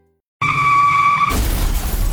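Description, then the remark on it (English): A loud, high tire screech of a car driven too fast skidding lasts about a second, then breaks into a noisy crash with rumbling and clattering debris. No one speaks. “I heard about the Labor Day sale at Trucks Plus and tried to get there too fast. Okay, maybe don't crash your car”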